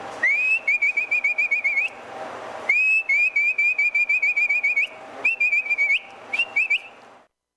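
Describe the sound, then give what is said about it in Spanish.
A loud herding whistle used for driving horses and pack animals toward the corral: three bursts of rapid, warbling pulses at a shrill steady pitch, each starting with a rising sweep, with short pauses between and no talking. “Ese era el otro silbí. Por ejemplo, el de bestias, uno picaba los atajos y empezaba.”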